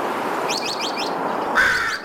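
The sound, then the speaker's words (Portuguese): Recorded bird calls taken from the Xeno-canto online repository of bird sounds: a quick run of four rising, chirping notes, then a short whistled tone, all over a steady background hiss with no one talking. “É um grande repositório de sons de pássaros de todo o mundo”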